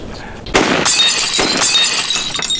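A sudden sharp crack as a gunshot blows apart a glass, followed by a loud burst of shattering and a couple of seconds of bright, scattering shards.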